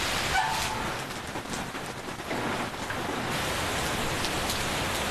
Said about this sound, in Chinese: 这么大太阳，怎么还下雨啊？